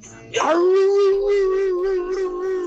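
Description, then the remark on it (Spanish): A dog lets out a single long, sustained howl, steady in pitch and fairly loud, rising suddenly and holding to the end without any talking. “Che perro, la neta, mi amor.”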